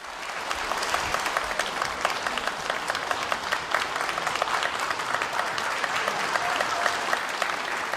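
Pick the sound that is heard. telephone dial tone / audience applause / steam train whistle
audience applause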